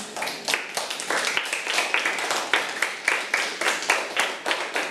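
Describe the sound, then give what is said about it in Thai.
A class of students claps together for a classmate at the teacher's request, in a steady, fairly fast rhythm of sharp, bright slaps, sustained for several seconds at moderate loudness with no talking over it. “เก่งมากค่ะอ่ะปรบมือให้เพื่อนค่ะ”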